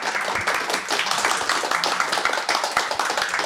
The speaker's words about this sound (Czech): Můžeme zatleskat našemu posluchači.